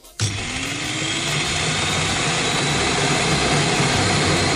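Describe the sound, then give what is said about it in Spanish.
An electric food chopper, bought that morning, switches on abruptly and runs at full power, a loud, steady whirring roar with a faint rising whine, continuous for several seconds with no talking. “Que parece que la picadora que he comprado esta mañana es un Boeing 747.”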